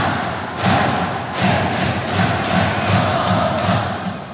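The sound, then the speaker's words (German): A dense stadium crowd in Japan, North Korean supporters at a North Korea versus South Korea match, roars and chants in unison with rehearsed choreographies, with rhythmic thumping beats roughly every second driving the cheering along, loud and sustained throughout. “Im Stadion klingt das dann so.”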